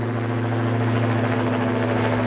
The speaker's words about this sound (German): Das Motorengeräusch hier beim Start der Drohne werden die Leute zusammen künftig also öfters hören.